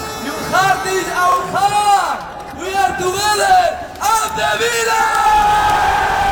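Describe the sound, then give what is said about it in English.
A large crowd cheers and shouts loudly at an open-top bus parade through the city, celebrating their team's first European trophy since 1982, as manager Unai Emery addresses them. Many voices overlap in rising and falling yells that swell and dip without a break for the whole stretch, dense. “Manager Unai Emery addressed the crowd after an open-top bus parade through the city.”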